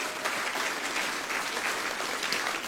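An audience claps steadily for the speaker's wife, a dense patter of many hands applauding at an even, sustained level with no voices on top.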